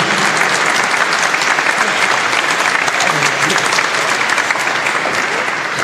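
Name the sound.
audience applause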